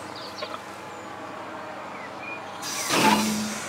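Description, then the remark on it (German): A sharp, loud hiss of compressed air from a freight train's air brake test before departure bursts out near the end and tails off, following a stretch of steady low rumble and faint background noise, with no voices. The train carries rails, in Oldenburg, Germany, at 6 a.m. “Jo, das klingt gut. Eine Bremsprobe vor Abfahrt ist Pflicht.”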